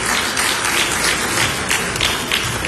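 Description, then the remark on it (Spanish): An audience applauds steadily after guests pose for an official photo, many hands clapping in a dense, continuous patter at moderate loudness, with no voices standing out. “Muy bien, un aplauso para todos ellos.”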